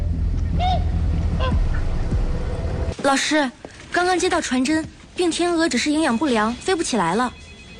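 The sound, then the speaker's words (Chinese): Swans honking loudly in a rapid series of nasal, wavering calls, some overlapping, following a few seconds of quieter low rumbling with faint calls. “咱们先把病天鹅带回去，尽快把样本送去检测，怕是禽流感啊，得严加防范。”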